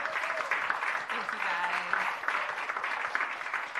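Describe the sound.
An audience at an arts center in Homer, Alaska, applauds a singer after her song, a steady, dense, continuous patter of many hands clapping at once, full, with faint voices mixed in.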